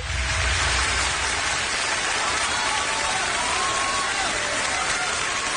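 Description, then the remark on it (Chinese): Dense, steady applause from a large audience at a crosstalk (xiangsheng) performance fills the whole stretch, a continuous wash of many hands clapping at once with no pauses and no voices standing out. “大家鼓掌再热烈一点好不好？”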